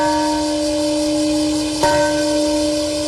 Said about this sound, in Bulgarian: В минутата, когато американският бомбардировач B-29 пуска бомбата над Хирошима, беше запазена минута мълчание, а в мемориалния парк зазвъня камбаната на мира.